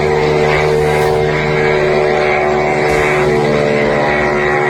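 A steady, loud buzzing drone of spinning propellers, holding a constant pitch with strong harmonic tones, as if a small aircraft is hovering. No one speaks.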